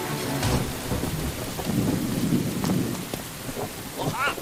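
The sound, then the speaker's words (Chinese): Heavy rain pours down on a village being evacuated for flash-flood danger, in a steady, dense hiss while a deep, rolling thunder rumble swells through the middle and fades away. “哎呀，不行，今天夜里雨会更大，随时可能爆发山洪，必须得走。”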